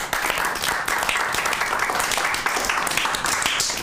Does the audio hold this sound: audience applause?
yes